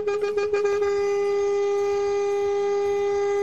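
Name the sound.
horn blast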